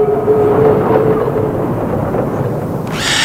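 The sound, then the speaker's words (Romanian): A train rumbles heavily along the tracks as it arrives and stops at Khabarovsk, loud, with a thin metallic squeal early on and a sudden burst of hissing air near the end. “După mai multe săptămâni de calvar, trenul opri la Habarovsk.”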